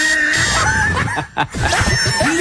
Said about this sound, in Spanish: Y hasta el gallo le canta.